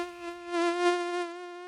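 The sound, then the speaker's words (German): A mosquito's thin, high-pitched whine drones steadily for under two seconds, swelling slightly in loudness, with no voices present. “Mücken empfindet man meistens einfach nur als einen kleinen Plagegeist, ne?”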